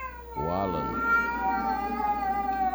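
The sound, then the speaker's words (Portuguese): A single loud, drawn-out cat meow rises and falls, followed by a steady, high tonal drone that carries on to the end. “Ô, sério, quando põe esse gato que o Juninho fica louco lá, né?”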